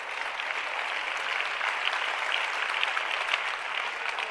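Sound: audience applause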